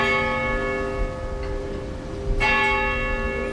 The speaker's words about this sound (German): Das Glockenläuten der altehrwürdigen Spitalkirche ist immer noch stündlich in der ganzen Stadt zu hören.